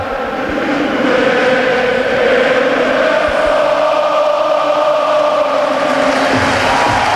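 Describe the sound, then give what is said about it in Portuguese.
Sporting fans at Alvalade stadium chant and sing in unison during Sporting's first official match of the season, against Vitória, a dense, steady roar of thousands of voices with sustained sung tones rising over the din, loud and unbroken throughout. “Primeira explosão de alegria na temporada oficial do Sporting em Alvalade, a bola já rola, ouviu-se a plenos pulmões, o mundo sabe que...”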